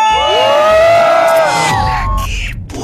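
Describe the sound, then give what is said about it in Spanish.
A loud crowd shouts and cheers together, many voices rising in sustained whoops and yells that fill the space before trailing off near the end. “aquí en todo lo más del Camichín se grita muy fuerte, ¡aquí suena! ¡La Qué Buena! 97.1. ¡Y venga ese grito!”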